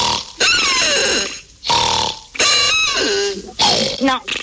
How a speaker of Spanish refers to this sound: Ronquido número dos.